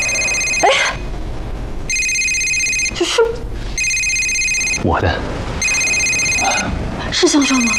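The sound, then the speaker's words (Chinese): A mobile phone rings with loud, bright electronic tones in four evenly spaced bursts, each about a second long, while brief voices murmur in the pauses between rings. “这是我的。是香香吗？不是香香。喂。”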